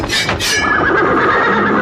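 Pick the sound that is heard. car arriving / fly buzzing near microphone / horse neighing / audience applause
horse neighing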